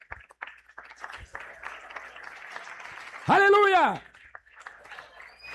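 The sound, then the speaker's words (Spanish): A church audience claps steadily in a dense, scattered patter in praise of the Lord, broken midway by one loud, drawn-out shouted exclamation from a man before the clapping carries on. “¿Cuántos alaban al Señor? ¡Denle un fuerte aplauso!”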